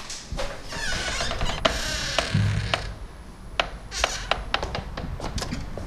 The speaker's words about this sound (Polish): Coś skrzypi.